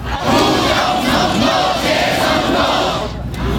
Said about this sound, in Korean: 사태가 장기화하면서 참가자들이 외치는 구호도 제각각입니다.